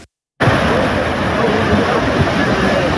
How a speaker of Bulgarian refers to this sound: Щетите в Симитлийското село Крупник са сериозни. Днес видяхме огромна река. Носеше огромни камъни, може би по един тон камъни, които нямаше как да бъдат спряни.